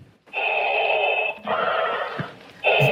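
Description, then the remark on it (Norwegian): Darth Vader's mechanical mask breathing as he comes in to speak at a city council meeting in San Diego, California: slow, raspy hissing inhales and exhales with a thin whistling edge, three long strokes in a steady rhythm, loud and with no voices. “Her kommer han inn med sin ikoniske pusting.”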